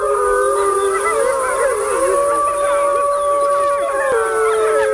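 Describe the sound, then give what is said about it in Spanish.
Wolves howling in a chorus of long, overlapping, wavering tones, with one steady howl held under higher yips and quavers, loud and continuous for the whole stretch, as a wolf howls to silence the pack and the pups protest. “y estaban allí, mira, el lobo manda a callar.”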